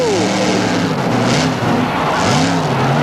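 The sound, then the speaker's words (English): Powerful monster truck engines roar and rev loudly, their pitch climbing and dropping in steady surges over a constant wash of mechanical noise. “We're back to take a look at some more monster trucks.”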